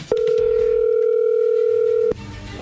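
A telephone ringing tone as a call is placed: one steady, mid-pitched electronic tone holding for about two seconds, then cutting off abruptly. No one speaks.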